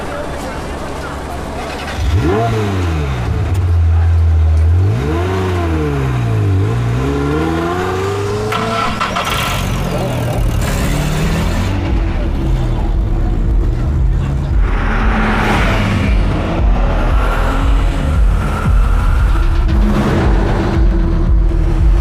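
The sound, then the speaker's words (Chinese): An old, shabby-looking car with a newly replaced engine revs hard several times, its pitch sweeping up and down, then settles into a loud, sustained roar as it accelerates to chase a sports car on a road with little traffic. “别看这车破，发动机可是新换的，坐稳喽。”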